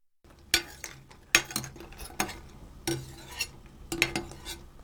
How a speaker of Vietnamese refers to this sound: Khi ngao đã sôi thì vặn bếp nhỏ lại để mặt nước chỉ sôi lăn tăn và hớt cái lớp bọt nổi trên mặt nước.